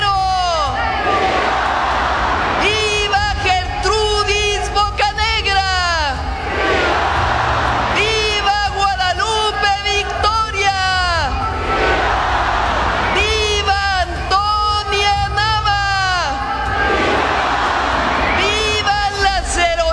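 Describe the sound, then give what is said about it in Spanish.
A large crowd shouts in loud, repeated unison cries of "¡Viva!", rising and falling in waves of cheering and chanting over a constant roar of voices, during an independence cry honoring independence heroes; 21 vivas in total. “Fueron 21 vivas.”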